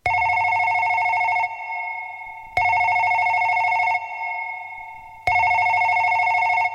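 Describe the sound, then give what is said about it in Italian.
A telephone rings three times in a steady pattern as a call comes in to a Samoan-language radio program in Australia, each loud, buzzing electronic ring lasting over a second before a short pause. It is clear, with no voices. “Talofa wa telefoni sau noa mai.”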